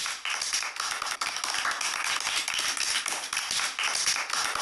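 Steady applause from an audience for a child who recited a poem about a butterfly, many hands clapping at once in a dense, continuous patter that holds at an even, moderate loudness throughout with no voices.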